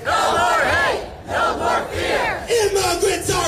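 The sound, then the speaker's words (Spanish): A large protest crowd in Portland, Maine, USA, demonstrating against ICE, the US Immigration and Customs Enforcement, chants loudly in unison, voices rising and falling in rhythmic waves with a brief dip before the shouting surges again, no single speaker standing out. “Precisamente protestas en el estado de Maine, en la ciudad de Portland, que se han repetido también en otros puntos de Estados Unidos para pedir el fin de este cuerpo migratorio.”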